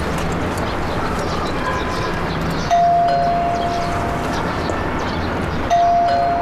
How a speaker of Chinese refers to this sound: 按门铃。